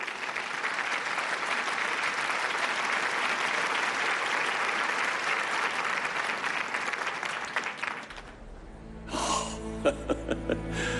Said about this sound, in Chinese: 那么就让我们用热烈的掌声欢迎张老讲话。